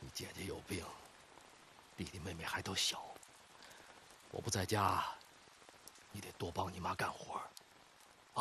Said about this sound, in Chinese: 夜淋雨大，屋顶漏雨，床板这块也漏，我给你挡着点。